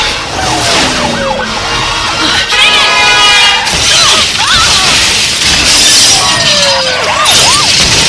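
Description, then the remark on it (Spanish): Several cars crash into two cars in a loud, continuous pile-up at a street crossing: crunching impacts and shattering glass mixed with squealing, sweeping tones that rise and fall throughout, with no voices. “Varios autos impactan contra el auto de Morgan y el auto de Jerry.”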